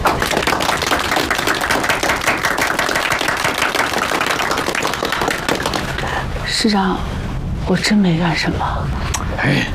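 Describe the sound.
A group breaks into sustained applause as a Party committee awards a soldier a third-class merit, dense rapid claps running steadily for several seconds before thinning out, with voices starting to talk over the fading clapping.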